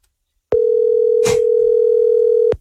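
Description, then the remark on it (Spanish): A steady, continuous telephone dial tone sounds loudly for about two seconds as a chauffeur's phone is called, starting and stopping abruptly, with a brief rustle or click partway through and no talking. “tenemos el teléfono de este compita que es chofer.”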